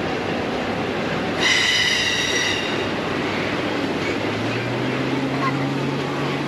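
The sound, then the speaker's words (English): A railroad train in Winnipeg rumbles steadily, with a bright whistle-like tone sounding from about 1.5 to 2.5 seconds and a low droning hum rising toward the end. “I think that's a railroad.”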